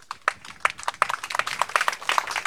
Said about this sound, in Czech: A děkujeme vám všem tady v klášterních zahradách, kteří jste byli báječnými posluchači i v tom vedru. Jsme šťastní, že jsme tady nebyli sami. Díky, potlesk pro vás, pro všechny.